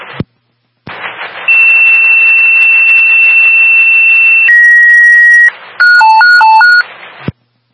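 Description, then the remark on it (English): Fire dispatch radio alert tones over a hissy channel, paging Shelton Fire Company 5 to an activated fire alarm: a long steady high tone, a shift to a lower held tone, then a rapid alternating two-pitch warble before the transmission cuts off. “For tone.”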